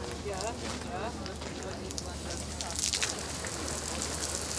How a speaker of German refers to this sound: Macht weniger, dass es mehr Nieselregen ist und nicht Platzregen. Noch feiner geht. Ja, weiter zurück. Zwischendurch gibt es echten Nieselregen.